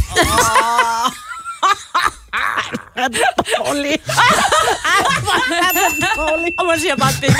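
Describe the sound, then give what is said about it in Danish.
People laugh and chatter on a radio morning show while a small bell gives a light, thin ding at the end of a joke, ringing briefly and faintly beneath the voices. “Der kommer en lille ding til sidst.”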